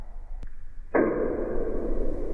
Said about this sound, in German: Er wird nur 3 bis 6 Zentimeter groß, ist aber das lauteste Tier der Welt. Der Knallkrebs erzeugt einen Knall mit einer Lautstärke von bis zu 200 Dezibel unter Wasser. Das ist sogar lauter als ein Flugzeug.